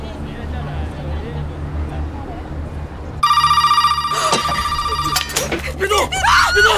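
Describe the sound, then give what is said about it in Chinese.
A telephone starts ringing abruptly partway through, a loud, pulsing electronic trill that continues to the end, over a low background hum, with a voice briefly heard near the end. “你去接电话。 我去接电话。”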